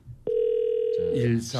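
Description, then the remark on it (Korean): A steady electronic phone ringback tone, while calling a listener who does not pick up, hums at moderate loudness for about a second, then a man starts talking over it as the tone fades out. “아 이분 전화 연결되면 갈 것 같은데. 아유 전화를 안 받는다.”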